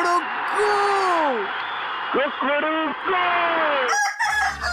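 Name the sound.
rooster crowing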